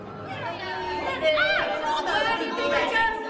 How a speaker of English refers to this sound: Women were yelling and shrieking and fighting and spitting. They hardly seemed human.